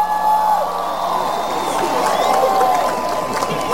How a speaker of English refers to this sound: I'm gonna try to figure out why you're clapping though.